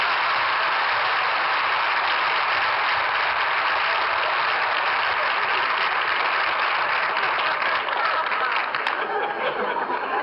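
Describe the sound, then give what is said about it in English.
An old car engine, started on the starter after a wire is fixed, runs with a steady, rough, hissing rattle that holds at an even loudness for about ten seconds, with no clear pause or change. “I've got the wire fixed now. I'll step on the starter again.”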